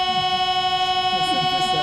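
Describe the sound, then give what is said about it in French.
A loud, steady chord from the grand organ of Nice Cathedral holds unbroken for the whole stretch, its bright, reedy stack of tones sounding much like the warning signal of Paris metro doors closing. “Là, on a l'impression d'être dans le métro parisien quand les portes se referment.”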